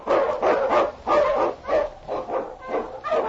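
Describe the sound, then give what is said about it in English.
A husky sled dog, King, the Eskimo lead dog of the show The Challenge of the Yukon, barks loudly, about seven sharp, eager barks in quick, fairly steady succession, with no voices present. “On, you husky!”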